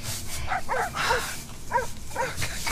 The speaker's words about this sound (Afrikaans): Ach, die honde. Ja, dis altijd honde. Maar hulle hoort aan amal en aan niemand.